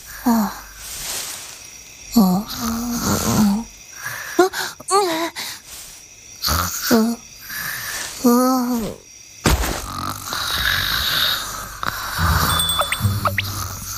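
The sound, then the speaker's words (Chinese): Someone snores while asleep in a series of drawn-out, groaning breaths repeating every second or two, fairly loud, followed by a quieter stretch with faint chirping in the background. “这都能睡着。”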